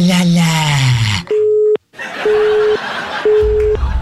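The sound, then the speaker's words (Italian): A telephone busy tone follows an old man hanging up the phone: three evenly spaced, steady mid-pitched beeps over a hiss of line noise, after a brief burst of voice at the start. “Il vecchio malvagio ha buttato giù”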